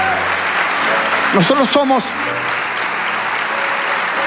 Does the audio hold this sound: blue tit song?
no